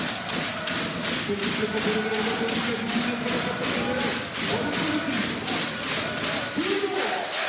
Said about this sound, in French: Et ce public de la du Palais des Sports, Maurice Thorez, qui pousse son équipe, qui en a bien besoin dans ce deuxième carton, un petit peu compliqué.